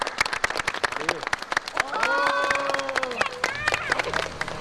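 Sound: children clapping hands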